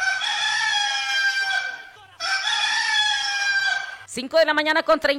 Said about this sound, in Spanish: Y si usted estaba pensando que es temprano y que el gallo todavía no había cantado, pues ya cantó.